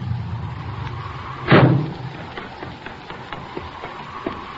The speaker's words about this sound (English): Hey, listen. Here comes a car.